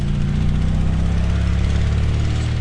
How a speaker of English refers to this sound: A dilapidated car that a company employee is driving along a dirt road. Professor puts down the control stick, and the drone flies itself to the car. The microcomputer inside constantly runs algorithms to keep it on course.